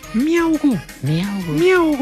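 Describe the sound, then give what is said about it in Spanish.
A person's voice imitates a kitten meowing while telling a children's joke about a kitten in the water, with a few drawn-out, whiny rising-and-falling mews in quick succession, fairly loud. “Que estaba un gatico en el agua y comenzó el gatico”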